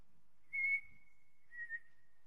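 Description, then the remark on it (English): A person whistles a high three-note bird call, the first three notes of a musical play: a loud opening note that glides into a long, faint held tone, then two short, softer notes. No one speaks. “Recognize that bird from here? And that's the first three notes of ….”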